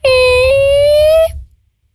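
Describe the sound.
A voice imitates a door creaking open as the door of a bakery in a sketch on Q-Music radio: one loud, sustained nasal tone that rises slightly in pitch for over a second, then stops abruptly.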